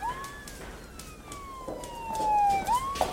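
A police siren wails in a long, slowly falling tone that swoops back up at the end. It sounds steady over faint street noise, with no talking.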